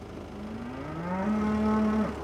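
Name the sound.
cow mooing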